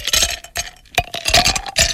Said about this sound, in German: Ein paar Eiswürfeli an diesem weiteren Hitzetag können wir sehr gut brauchen.